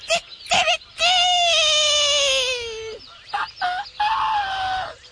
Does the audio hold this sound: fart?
no